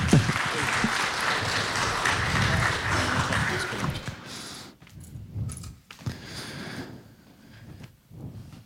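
Audience applause welcoming the next testimony speaker onto the stage: dense applause fills the first four seconds, a steady crackle of many hands, then thins into scattered claps and shuffling with a few faint voices.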